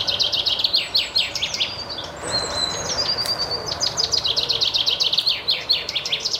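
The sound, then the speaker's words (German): Finch calls and song, with rapid high chirps and twittering phrases repeating steadily, a brief sustained whistle in the middle, set against a soft outdoor background hum. “Besonders im Blick stehen dieses Mal die Finken. Doch wie klingen eigentlich Finken?”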